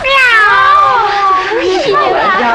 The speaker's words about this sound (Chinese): 朋友们，别打，它是小兰家的老猫。